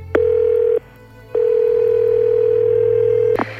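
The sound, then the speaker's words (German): A steady, mid-pitched telephone dial tone sounds briefly, pauses, then returns as a longer unbroken drone over a low hum, with soft clicks at the start and end. No one speaks. “Rufen wir doch mal an.”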